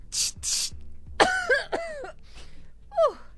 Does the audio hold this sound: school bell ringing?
no